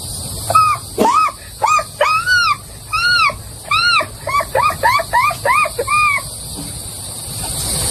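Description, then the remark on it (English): A voice imitates an American herring gull call, letting out a quick run of about a dozen loud, nasal yelping notes in a steady rhythm before falling quiet. “next, the American herring gull.”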